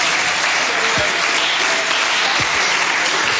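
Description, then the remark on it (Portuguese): A church audience claps their hands for Jesus in steady, dense applause that fills the whole clip at a loud, even level, with a few faint voices mixed in underneath. “Pode bater as palmas para Jesus, igreja.”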